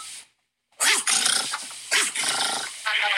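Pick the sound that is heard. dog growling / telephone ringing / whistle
dog growling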